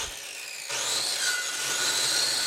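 Sawing tree trunks to size: a continuous rasping roar that jumps louder after a brief start, carrying a steady high whine with no pauses and no voices.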